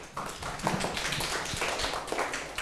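A group of students in a classroom clapping together for a classmate, a dense, steady patter of many hands that carries on without pause, fairly loud and with no voices over it.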